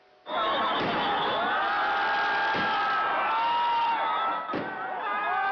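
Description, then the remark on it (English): A large crowd gathered in a city square in Kathmandu, Nepal, for the annual Indra Jatra festival, waiting to glimpse the living goddess Kumari, roars with dense, overlapping voices, cheers and shouts. The noise starts abruptly and stays loud throughout, with a couple of sharp bangs cutting through the din. “Crowds formed in a city square as people waited to catch a glimpse of the revered goddess.”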